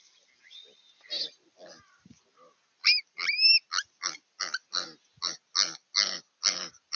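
A piglet squeals while a raven attacks it, in a rapid run of sharp, high-pitched cries, first a few scattered bursts, then a loud, insistent string of repeated shrieks with no talking.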